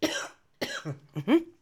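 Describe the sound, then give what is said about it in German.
A series of harsh coughs: a burst at the start, then several more in quick succession, the last ones ending in a voiced, throaty tone. No speech. “nur echt mit Husten, wisst ihr ja.”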